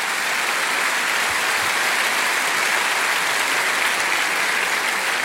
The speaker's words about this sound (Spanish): ¿Qué tal si le damos la bienvenida a nuestro Señor con un fuerte, fuerte aplauso?